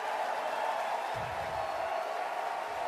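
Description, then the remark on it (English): A big crowd of baseball fans in a stadium roars steadily during a pitch, a dense, loud wash of cheering meant to make the pitcher uncomfortable, holding for the whole stretch, with a faint low voice briefly underneath. “Tell me the fans don't have anything to do with it. You get loud, make it extremely uncomfortable.”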